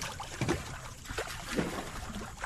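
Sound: water sloshing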